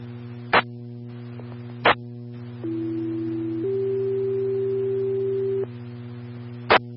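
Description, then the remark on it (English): A two-tone radio page from San Juan County dispatch, sent as an information-only tone alert about a helicopter arriving at the helipad from the west: a steady lower tone for about a second, then a longer, slightly higher tone, over a constant electrical hum, with sharp clicks before and after. “stand by for information, tones only.”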